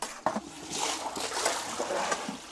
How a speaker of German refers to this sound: Ein Schuss warmes Wasser, die letzte Abrundung der Mahlzeiten für Orang-Utans und Schimpansen.